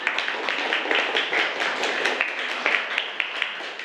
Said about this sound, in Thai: เก่งมากปรบมือให้กลุ่มหนึ่งหน่อยนะคะ